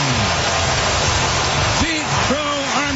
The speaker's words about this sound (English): Leads off the first inning with a long home run, his 34th of the year. Listen to this crowd. Yeah, that's how you sound when you hit a 435-foot home run for your 8th leadoff home run of the career.